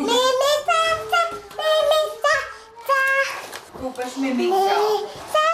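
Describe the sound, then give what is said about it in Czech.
A young child babbles and squeals in high, sing-song bursts while playing in a children's playroom at a shelter for mothers and children in Olešná, Czech Republic, the playful vocal sounds coming in quick phrases with brief pauses between them. “Teď si v ní hraje”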